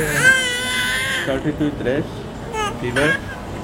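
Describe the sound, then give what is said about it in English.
A baby wails in a long, strained cry in a crowded, overfull hospital ward that is hot and humid, where parents rock and fan their children. The cry breaks into shorter, rising sobs with pauses between them, loud over a busy background murmur of other voices. “Some of them are rocking their children to calm them down.”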